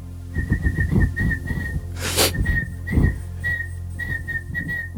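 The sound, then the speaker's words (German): A man whistles a tuneful melody with clear sustained notes and short pauses, over a low steady hum and some breathy background noise. “pfeift und nur die Talentiertesten unter euch mit absolutem Gehör erkennen, was er da eigentlich vor sich hin pfeift.”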